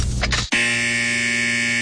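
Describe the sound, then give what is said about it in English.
A loud, harsh buzzer, installed at a country radio station to sound if it ever fails to play 90 songs in a row, blares steadily after a brief burst of noise and a short gap, holding a flat, droning tone to the end. “We've installed this 89 in a row buzzer.”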